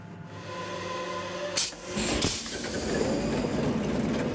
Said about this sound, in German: Das Herz ist der Maschinenraum, noch mit dem originalen 540 PS Motor. Der ist gerade von Grund auf überholt worden. Der Maschinist zeigt ein Video, wie der 8-Zylinder arbeitet.